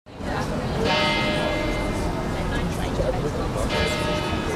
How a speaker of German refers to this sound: Im Servitenviertel im 9. Wiener Bezirk läuten die Kirchenglocken zur Spätnachmittagsstunde.